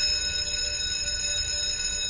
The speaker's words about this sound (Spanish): Exactamente, la campana del recreo, la campana del recreo, la campana de la escuela,